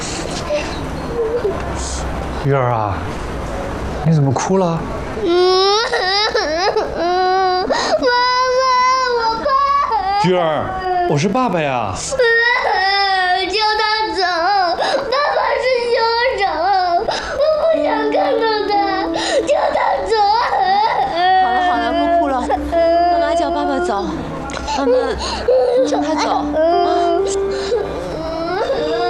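A young child cries and whimpers after a frightening dream, loud wavering sobs rising and breaking almost without pause after a brief quieter start, continuing to the end.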